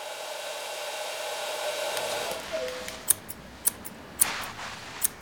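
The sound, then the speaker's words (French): A hair dryer whirs steadily for about two seconds at a hairdresser's salon, then fades out, leaving a series of sharp, irregular scissor snips. No one speaks. “Écoute, tu entends le ronronnement du sèche-cheveux?”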